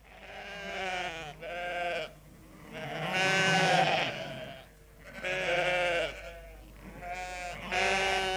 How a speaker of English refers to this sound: The sheep were huddled in a corner, a chorus of worried bleats proceeding from expressionless faces.